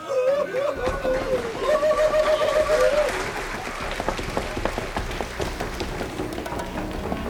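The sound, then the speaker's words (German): Steady applause from an audience at the great dragon exam as candidate number 2, the fire dragon, is called onto the stage. The clapping is dense throughout, with a brief whistled or sung tone rising above it early on. “Applaus.”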